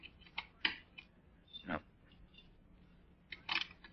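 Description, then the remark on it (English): A key scrapes and clicks in the lock of a locked closet door as keys are tried, a few sharp metallic jiggles spread irregularly over a few seconds against a quiet background. “Locked. Well, that won't keep me out long. Not as long as I still have my keys with me. Try this one.”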